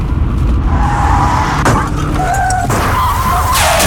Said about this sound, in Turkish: Az önce biri takip mesafesini korumadığı için önündeki araca çarpan birine çarptı ve kemer takmadığı için yaralandı.